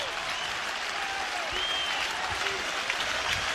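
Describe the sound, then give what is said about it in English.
A steady, loud roar of a baseball crowd cheering and clapping at a game against Ole Miss, with the bases loaded in the top of the seventh inning, a dense wash of noise that holds evenly throughout, with a few faint whistles rising above it. “Crowd re-engaged.”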